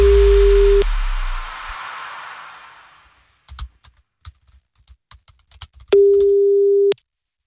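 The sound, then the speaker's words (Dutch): A steady electronic telephone tone sounds twice, each about a second long, with a burst of hiss after the first and a run of scattered clicks and taps before the second. No one speaks. “Ja, hij neemt de telefoon weer op.”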